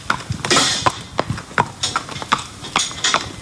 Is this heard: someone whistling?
no